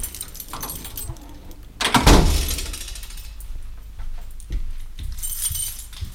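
The door of the radio station Radio Canu at 24 rue du Sergent Blandan being opened: keys jangle and metal rattles, then a sharp, loud clunk of the latch, followed by quieter handling and rustling. No one speaks.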